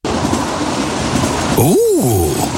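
An express train rushes past on the rails with a loud, steady roar, and near the end a horn-like tone swells and drops as it sweeps by.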